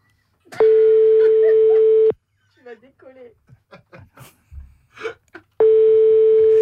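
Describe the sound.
Two long, steady telephone ringing tones, each lasting about a second and a half, loud, with a short burst of voices talking in the pause between them, as a phone call is placed.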